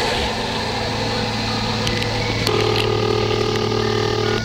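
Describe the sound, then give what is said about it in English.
A telephone rings once at the Institute for Rational Law, a steady electronic tone that starts about halfway through and holds for roughly two seconds over a constant low hum and hiss. “listen real close, you'll hear the phone ring at the Institute for Rational Law.”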